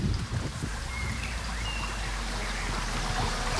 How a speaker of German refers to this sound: Man hört eigentlich das Rauschen des Baches einfach etwas lauter. Und ich würde sagen, der Wind, der so durch die Blätter fegt, wird etwas mehr so eingefangen.